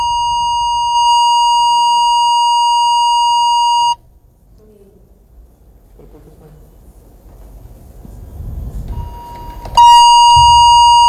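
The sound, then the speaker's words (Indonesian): A steady electronic telephone tone sounds for several seconds, stops, then returns loudly near the end, with faint low rumbling and background noise between the tones and no clear speech, as an RRI radio phone call to an official of the Aceh Besar agriculture office fails to connect. “Tentu saat ini kami sudah terhubung melalui layanan telepon.”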